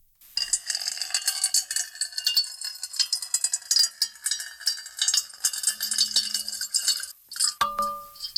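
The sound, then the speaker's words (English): Water pours steadily into a metal bowl for several seconds with a bright, bubbling splash, then stops, leaving a short metallic ring. No one speaks. “And now a little ASMR, water being poured into a metal bowl.”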